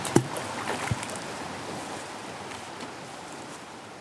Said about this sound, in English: Are you having all the splashes?